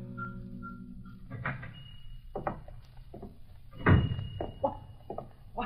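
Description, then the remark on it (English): The door of a clock shop is opened amid a chorus of ticking clocks, with a steady tone at first, then a series of wooden knocks, rattles and thumps as it swings and settles. No one speaks. “A chorus of ticking clocks hit me between the eyes the moment I opened the door.”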